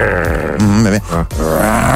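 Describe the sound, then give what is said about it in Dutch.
A person growls like the tiger in a song, a low, rough, sustained vocal rumble with a pitch that wavers up and down, pausing briefly before a second gravelly growl. “En doe een keer uw tijger.”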